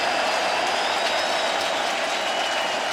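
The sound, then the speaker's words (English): A steady, loud roar of a baseball stadium crowd cheering and clapping during a Brewers hitter's postseason at-bat against pitcher Yamamoto, a dense wash of noise with faint whistles rising above it, no clear voices standing out. “Crowd making plenty of noise.”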